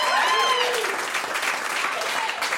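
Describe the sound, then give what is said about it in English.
An audience in Columbus claps steadily for a couple of seconds, a dense, even patter of many hands with a few whoops and cheers rising over it near the start. “I think that deserves a round of applause.”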